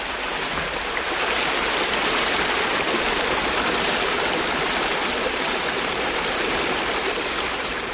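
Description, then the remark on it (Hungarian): Water babbles and splashes steadily from start to finish, a continuous rushing flow with no voices or other sounds over it, at the end of the mill race of the Orfi watermill. “kisétálunk a malomárok végéhez, ahol jól hallatszik a víz csobogása.”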